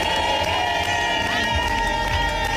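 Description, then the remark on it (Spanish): Young team members sing the team's war chant together in the locker room. Captain Alba Torrens taught them the chant. It is loud and sustained, with overlapping pitches blending into one dense, continuous roar of group singing. “Lo han cantado todo y a las jóvenes les ha tocado aprenderse el cántico de guerra, el que les ha enseñado la capitana Alba Torrens y que lleva en ese vestuario muchos años.”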